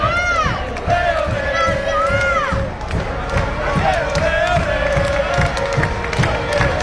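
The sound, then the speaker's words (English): Friends and family on a bus at the back of a team's victory bus procession cheer and shout, a dense, loud mix of overlapping voices with rising whoops and steady clamor throughout. “And I think this bus at the back, it's friends and family. You can hear them.”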